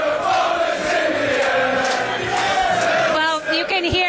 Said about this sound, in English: I mean, the chants have already started. The crowd is already really pre-gaming for the match starting in just a few short hours.